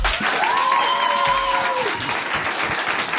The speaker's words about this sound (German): Wir haben ein geiles Live-Publikum, was so geil klatschen kann.